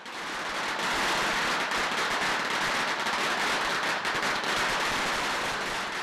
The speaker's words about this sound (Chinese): 上午八点，东门村鞭炮声大作，一年一度的迎老爷正式开始。